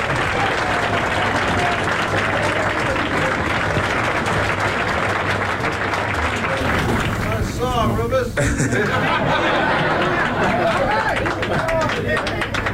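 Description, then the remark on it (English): A crowd applauds a singer steadily and loudly for several seconds, dense clapping mixed with cheers and a murmur of voices, with a brief dip near the middle before the clapping surges on. “Again, give … a big round of applause.”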